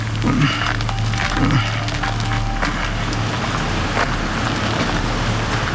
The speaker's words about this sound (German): Und? Alles ruhig. Nur der Wind bringt die Blätter zum Rauschen.